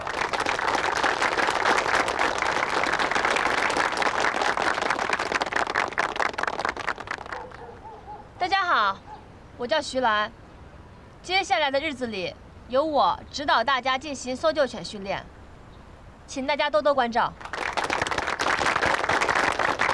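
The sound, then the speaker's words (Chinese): A crowd at the Jifeng Chaoyue dog-training base bursts into sustained, dense applause for several seconds, welcoming three dog-training instructors. It stops while a person speaks briefly, then the clapping swells up again near the end. “大家以热烈的掌声欢迎三位教官。”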